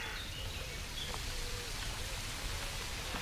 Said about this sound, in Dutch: Het geluid van een stromende beek in het dorp Beek. Zwartkop op de achtergrond.